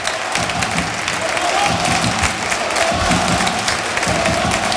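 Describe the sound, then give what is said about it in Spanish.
A large football stadium crowd at El Arcángel in Córdoba applauds its team at the end of the first half, a dense wash of clapping with scattered cheers rising from the stands, sustained and loud throughout with no pauses. “el colegiado decreta el final del primer tiempo y así aplaude el Arcángel a sus jugadores.”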